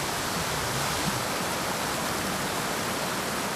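Steady rushing water of a flowing creek fills the scene, a dense, even hiss as it tumbles over rocks, constant and unbroken with no voices.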